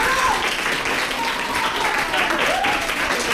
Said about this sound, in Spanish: Quiero pedir un aplauso para lo que acaban de decir los tres.